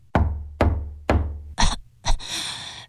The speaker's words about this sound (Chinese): 敲门。